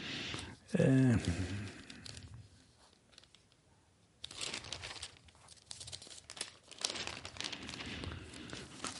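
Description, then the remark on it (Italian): Newspaper pages rustle and crinkle up close in bursts, pause briefly, then resume with more handling and crackling. A short vocal sound appears near the start. “Andiamo a vedere solo una cosa che non avevamo controllato, ma la terza pagina del giornale ha sempre qualche sorpresa.”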